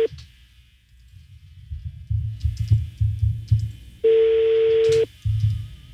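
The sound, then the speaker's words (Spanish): A phone's ringback tone from a redialed outgoing call sounds once as a steady, clear one-second beep over a low background rumble and faint muffled voices, with a brief tonal blip at the very start. “Sonando.”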